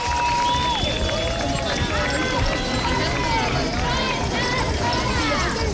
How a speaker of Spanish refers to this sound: Escucha usted, ¿verdad?, de fondo el tintineo de las llaves. Así, miles de personas han vuelto a manifestarse este domingo en decenas de ciudades para exigir a los poderes públicos medidas urgentes que protejan a los inquilinos